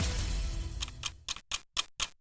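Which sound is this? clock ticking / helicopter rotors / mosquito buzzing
clock ticking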